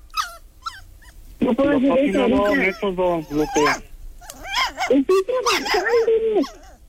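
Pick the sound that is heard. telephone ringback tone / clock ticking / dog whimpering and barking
dog whimpering and barking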